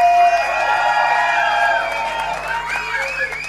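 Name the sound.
audience applause and cheering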